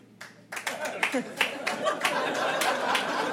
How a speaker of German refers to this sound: Ja, so klatschen Leute, die verheiratet sind.